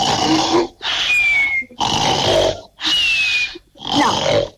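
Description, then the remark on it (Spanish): Five loud, raspy human snoring breaths repeat in a steady rhythm, each a rough, snorting burst with a short pause between, with no talking. “te vamos a tirar ronquidos y vos me decís, este es el que se parece, este es igual.”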